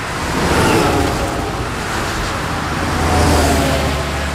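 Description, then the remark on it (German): Steady roar of heavy trucks driving on a motorway, a broad continuous rumble with low engine drone that swells twice as vehicles go by, loud, with no voices. “LKW auf der Autobahn, auch das ein interessanter Bereich für Automation.”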